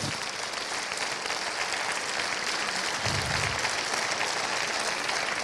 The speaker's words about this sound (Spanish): ¿Cuánto bendicen a Dios? Denle ese aplauso al Señor si se lo va a dar con fuerza.